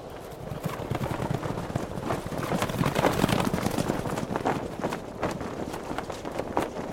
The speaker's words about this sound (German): Mehrere Elfen auf Pferden. Irgendetwas geht da vor sich. Sieht aus, als ob sie ihr Lager abbrechen.